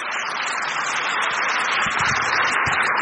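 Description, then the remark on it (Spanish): Steady, dense applause from a crowd for the Lord, a continuous wash of many hands clapping at an even loudness throughout, with no voices standing out. “¡Aplauso para el Señor!”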